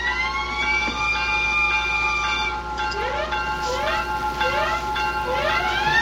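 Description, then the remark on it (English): A loud general alarm siren blares as a tornado warning on WXNZ Skowhegan, holding a steady harmonic tone before breaking into a rapid series of repeated rising whoops, with no voices over it. “Sound the general alarm!”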